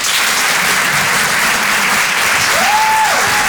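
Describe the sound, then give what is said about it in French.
Steady, dense applause from the audience at the Rire et Chanson Comedy Club, welcoming comedian Bruno Pecky. It is loud and unbroken and fills the whole stretch, with a single sustained whistle rising out of the clapping near the end. “Faites du bruit s'il vous plaît pour Bruno Pecky.”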